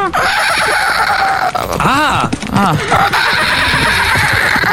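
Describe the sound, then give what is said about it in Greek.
A person on the Greek morning show Pame Proino, asked to imitate a horse, does a horse's whinny, a wavering, rising-and-falling vocal neigh over about a second, set against a steady, loud background hiss that fills the whole clip. “Θέλω να κάνετε χλιμήτρισμα αλόγου.”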